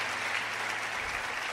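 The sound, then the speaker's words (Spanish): A church audience applauding the Lord together during worship, a dense, steady wash of many hands clapping at an even, fairly loud level throughout, with no voices standing out above it. “Dale un aplauso al que está cerca, al que está allá arriba en los cielos.”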